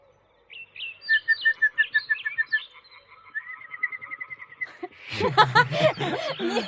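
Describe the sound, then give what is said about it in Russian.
A whistled imitation of a chaffinch song: a few high notes, then a quick repeated run of chirpy whistles lasting about four seconds, followed by a louder burst of voice. “Ты можешь свистеть, как зяблик?”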